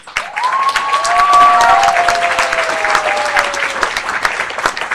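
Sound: audience clapping hands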